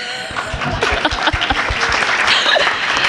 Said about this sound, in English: I learned that today. Can we get a round of applause for jovial?